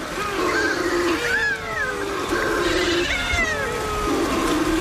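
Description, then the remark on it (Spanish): Balearic shearwaters, an endangered seabird that breeds only in the Mediterranean, almost only in the Balearic Islands, calling at a colony in the early-morning darkness: several overlapping, nasal, wailing cries that rise and fall in pitch, repeating steadily throughout with no pause, over a constant hiss. “donde tenemos también en el archipiélago de Cabrera un pariente, la pardela balear, que es una especie que cría solo en el Mediterráneo, casi solo en Baleares, está en peligro de extinción, tiene una voz aún más sutil.”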